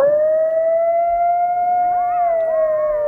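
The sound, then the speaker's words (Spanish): A coyote howls loudly in one long, steady note, and other wavering, yipping voices join in near the end, rising and falling over it. No one speaks. “No es un lobo. Coyote. Sí, señor. Un coyote.”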